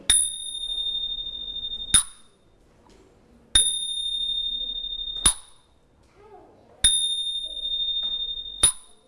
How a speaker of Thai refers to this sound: เดี๋ยวเราลองมาฟังเสียงฉิ่งกันสักนิดหนึ่งนะคะอันนี้เรียกว่าฉิ่งเป็นเครื่องตีที่ทำจากโลหะถูกต้อง